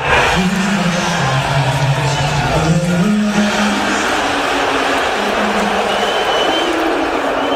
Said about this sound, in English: How did you hear it? It was definitely boos. And I mean, this is a sporting arena, right? So you know what cheers sound like